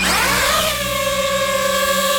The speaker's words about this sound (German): Ja, Drohne, eine kleine, eine, die man aus der Luft filmen kann, die man fotografieren kann. Das Geräusch, das ist ein bisschen mühsam und auch die Drohne selber, die kann mühsam sein.